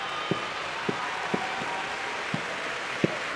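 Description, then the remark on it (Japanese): A full IG Arena crowd applauds at the Nagoya sumo tournament's final-day playoff as Atamifuji and Aonishiki face each other, a steady, dense wash of clapping with a few soft low thumps scattered through it and no voices. “満員の IG アリーナから拍手です。”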